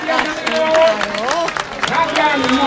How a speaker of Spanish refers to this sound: Y colorín colorado, este cuento se ha acabado. Pero aplaude, que te ha gustado.